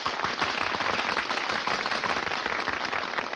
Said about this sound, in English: Hey, they're applauding us.